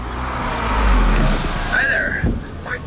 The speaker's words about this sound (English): Is that your exhaust? Oh, yeah. Running rich. My nose says very. Your nose is right.